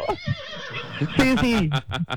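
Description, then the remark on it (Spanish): A horse neighs loudly, a shrill whinny that wavers and slides downward for about half a second, followed by a few short snorting breaths. “Pero bueno, aquí estoy yo, caballito que te pone a relinchar.”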